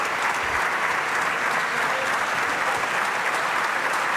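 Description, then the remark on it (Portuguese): Sustained applause from PSD deputies in parliament, dense and steady clapping at an even, moderately loud level for several seconds with no talking, applauding Luís Montenegro's answers to André Ventura. “Os aplausos são do PSD.”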